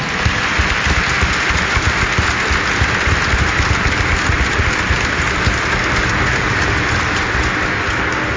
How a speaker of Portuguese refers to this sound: Então nessa alegria nos saudamos a todos com uma grande salva de palmas.